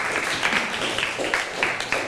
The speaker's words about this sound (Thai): โอเคค่ะขอเสียงปรบมือให้กับเลขที่14ของเราด้วยนั่นเองนะคะ